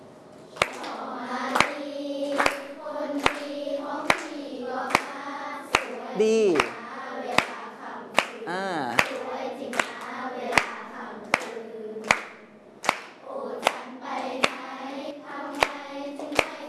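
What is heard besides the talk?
group clapping hands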